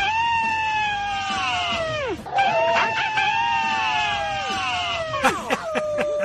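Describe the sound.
Several people howl together in long, sliding wails that drop in pitch at the end. Two drawn-out howls are followed by a burst of shorter, overlapping yelps and cries.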